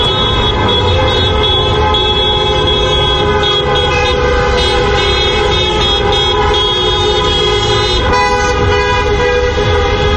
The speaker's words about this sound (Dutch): Marokkaanse fans vierden daarna feest en gingen de straat op. Onder meer in de wijken Overvecht, Lombok en Kanaleiland trokken de auto's toeterend door de straten.